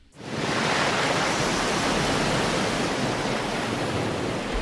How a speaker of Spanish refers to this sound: Y el sonido del mar es el momento cinematográfico